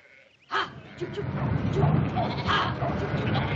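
A flock of sheep bleats continuously over a low rumbling murmur as men drive them across a corner of someone's land, the cries overlapping, with a sharp onset just after the start and no clear speech.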